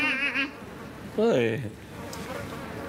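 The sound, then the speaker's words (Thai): Flies swarm buzzing around a person with a steady, wavering drone, broken by a louder swooping buzz as one passes, then settling into a fainter hum. “ถ้าเกิดว่าน้าไม่ทำหายก็คนเป็นแมงวันแล้วแหละดูสิตอมกันหึ่งเชียว”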